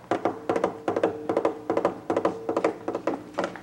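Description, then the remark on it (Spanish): A rider's horse galloping as it approaches quickly from the far horizon: hooves in a quick, steady rhythm of grouped hollow thuds, repeating about twice a second over a faint low hum, with no voices. “Por el lejano horizonte se ve venir un jinete que viene rápidamente en su caballo.”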